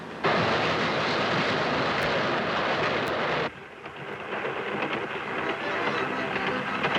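A train runs on its rails with a loud, steady roar and rumble, then drops to a slightly quieter, rattling clatter partway through. No one speaks.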